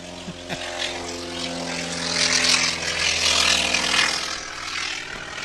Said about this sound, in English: And right on cue, we have a T-28 taking off.